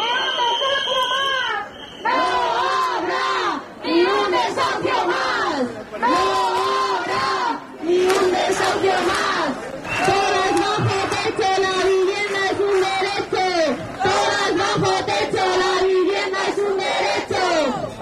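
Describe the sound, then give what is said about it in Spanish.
A large crowd of more than 2,000 people chants and shouts in unison at a housing protest march on Saturday, loud rhythmic voices rising and falling in repeated bursts with brief pauses between phrases. “Más de 2.000 personas, según datos de la delegación del Gobierno, se manifestaban el sábado por la vivienda.”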